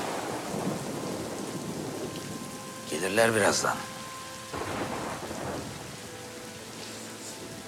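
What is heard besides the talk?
thunder with rain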